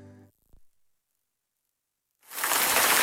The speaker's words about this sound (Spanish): La lluvia.